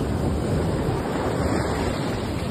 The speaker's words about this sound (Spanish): Solo los piscis sabemos lo que es ir y sentarse solo a mirar o escuchar el sonido del mar. Me manda acá el sonido del mar.